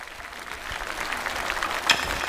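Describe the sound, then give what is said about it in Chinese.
Steady applause from an audience welcoming the second-placed challenger, a dense wash of many hands clapping at an even, moderate loudness throughout, with one sharper clap or whoop standing out near the end. “接下来让我们有请第二名的挑战者，掌声欢迎。”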